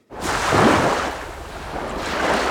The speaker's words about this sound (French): Quelques vagues qui font du bien sur France Musique